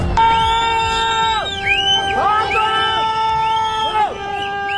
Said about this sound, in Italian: Urlano, fischiano, si disperano gli abitanti di un villaggio in collina. Da quell'altezza vedono arrivare la piena, un muro d'acqua che più giù a valle distrugge case e avvolge ogni cosa nel fango